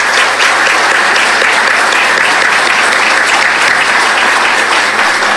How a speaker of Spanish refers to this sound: Un fuerte aplauso, por favor, para ellos.